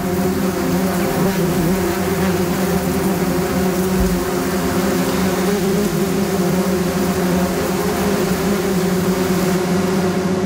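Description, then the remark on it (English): A wasp buzzes steadily, a continuous droning hum with stacked tones that holds for about ten seconds without pause, in a short composed soundscape. No voices are present. “So that was the first of them, which was a wasp.”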